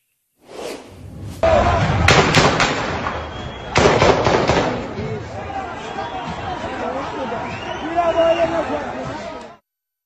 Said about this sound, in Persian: شاهدان میگن نیروهای مستقر در ساختمان کلانتری و تک تیراندازان مستقر در محل به سوی جمعیت و حتی افرادی که در حال فرار بودن تیراندازی کردند. در ویدیویی که از لحظات تیراندازی منتشر شده،